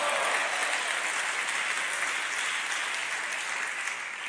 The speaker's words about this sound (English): Clap your hands, everybody, and say, praise the Lord in here.